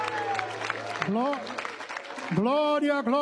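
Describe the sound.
An audience claps steadily in a dense, continuous patter while voices call out loudly over it, the shouting growing stronger and more sustained toward the end.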